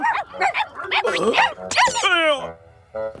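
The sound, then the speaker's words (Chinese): Several escaped dogs bark and yip in a rapid, overlapping burst, loud, with a whining, whimpering tail near the end and a brief final yelp after a short pause. “对不起，我不知道狗是怎么逃出来的。”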